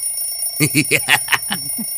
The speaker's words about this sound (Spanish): Márquenme para que vean cómo suena mi teléfono, mijo. Mira, chécale.